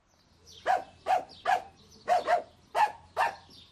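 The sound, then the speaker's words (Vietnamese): A dog in a hotel barks about seven times in quick, fairly steady succession, each bark a sharp mid-pitched yap of moderate loudness, with no voices and only a low hum underneath. “Ông Sidwell bảo ông ấy sẽ làm gì với con chó?”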